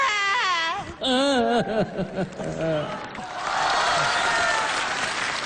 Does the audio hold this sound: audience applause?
yes